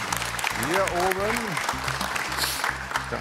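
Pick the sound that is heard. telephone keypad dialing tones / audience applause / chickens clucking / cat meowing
audience applause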